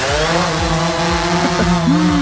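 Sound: drones flying overhead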